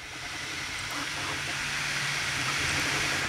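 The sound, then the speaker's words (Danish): A 3D printer printing a panda bear at Næsby Skole: a steady, dense whirring hiss over a low mechanical hum, with faint wavering motor tones shifting underneath and no voices. “Det er en, det var en 3D-printer, der ved at printe en pandabjørn.”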